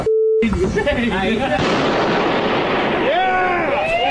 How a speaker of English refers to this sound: about acetylene inside of a plastic bag, and it's a trash bag bomb, and it is devastating. It is a huge explosion.